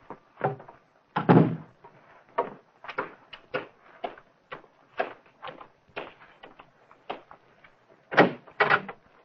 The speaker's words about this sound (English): Close that door, Anna.